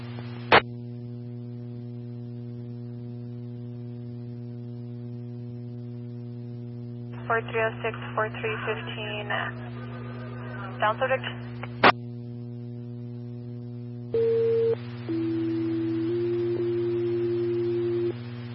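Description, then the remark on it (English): Dispatch radio alert tones for Central Zone and staff, called out for a brush fire near the 162 mile marker: a short higher tone followed by a longer, steady lower tone, sounding over constant radio hum after a few clicks and a brief burst of crackly static. “10-4 Central Zone and staff, stand by for tone.”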